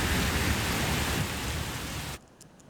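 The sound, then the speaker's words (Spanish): A heavy downpour with hail in Zaragoza in the afternoon makes a dense, steady hissing roar that cuts off abruptly after about two seconds, leaving near silence. No voices are heard. “Este chaparrón y el granizo han sorprendido esta tarde en Zaragoza, también en algunos puntos de Navarra, La Rioja o de la Comunidad de Madrid.”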